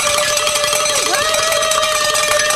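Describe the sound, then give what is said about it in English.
Loud, bright metallic bells rung in celebration on 89.7 KJMA radio for reaching a fundraising goal, layered ringing tones overlapping in a busy, celebratory clang that never pauses for the whole few seconds, with no talking. “we're going to ring the bells for the last hour because we hit it.”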